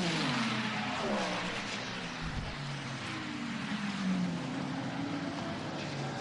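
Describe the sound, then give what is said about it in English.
A huge pack of racing cars roars at speed across the start-finish line with 3.5 to go, their loud engine whine sweeping up and down in pitch over a steady, dense wash of motor noise. “Oh, huge crowd of cars going across the start finish line with 3.5 to go.”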